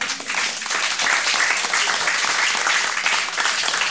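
A crowd applauds steadily for several seconds in response to a short humorous rhyme, a dense, even wash of many hands clapping at once, fairly loud, with no voices standing out.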